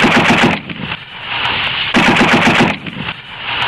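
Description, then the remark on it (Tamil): Loud gunfire cracks out in rapid succession, a dense rattling volley that surges in repeated bursts with no voices, as Rajaguru fires his handgun and five bullets from Bhagat Singh's gun hit Saunders. “அடுத்த கணப்பொழுது பகத்சிங்கின் துப்பாக்கியிலிருந்து 5 குண்டுகள் சாண்டர்ஸை பதம் பார்த்தது.”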